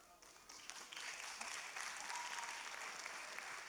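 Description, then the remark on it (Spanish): An audience claps steadily for four teenagers about to present Christian oratory, a dense, continuous wash of many hands that swells in the first second and holds at an even level throughout, with no voices standing out. “Así que vamos a darles con un fuerte aplauso para que ellos puedan empezar a hablar todo lo que nos tienen preparado el día de hoy.”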